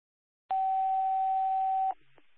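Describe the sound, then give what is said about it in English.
A single loud, steady electronic dispatch paging alert tone holds for about a second and a half over radio static, then cuts off with a brief click and faint low hum; the tones call a crew to a motor vehicle accident on Route 35. “Anyone in duty crew, disregard your tones.”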